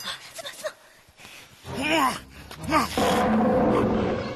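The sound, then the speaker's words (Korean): Two loud, drawn-out tiger roars rise and fall in quick succession after a quieter start, followed by a sustained, rough, rumbling noise that fills the rest of the moment. “호랑이님. 너 가만 안 둬.”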